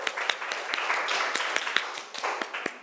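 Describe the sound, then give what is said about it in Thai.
A small classroom audience applauds the representative of the origin classroom before a presentation, with many overlapping hand claps forming a steady, moderately loud patter, sharper individual claps standing out, and no talking. “ขอเสียงปรบมือให้ตัวแทนห้องต้นทางหน่อยค่ะ”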